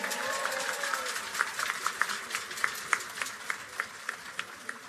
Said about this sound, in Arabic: هو قائد فرقة عظيم نعتبره في الجينيراسيون الجديدة أحسن قائد موجود عندنا في تونس. تصفيقة حارة على محمد بوسلامة.